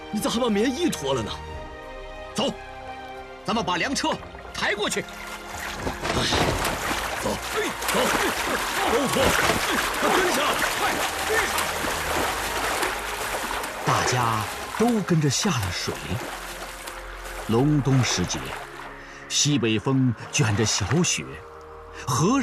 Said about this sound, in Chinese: 走，咱们把粮车抬过去。哎，走，走，走，跟上！快，跟上！大家都跟着下了水。隆冬时节，西北风卷着小雪，河上还漂浮着薄冰块。